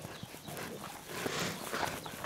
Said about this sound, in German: Bereits vor vielen hundert Jahren begannen die Mallorquiner mit der Züchtung von Hausschweinen. Durch Kreuzungen entstand dann ein ganz besonderes. Das Porc Negre, das schwarze Schwein.